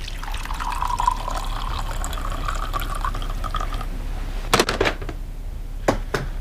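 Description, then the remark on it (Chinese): Tea pours steadily into a cup for about four seconds with a sustained watery gurgle, followed by a few sharp clinks of porcelain. No one speaks. “来，喝点茶吧。”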